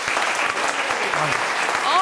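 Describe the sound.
An audience claps steadily, a dense, even patter of many hands at full volume for about two seconds, with a few faint voices calling out underneath near the end.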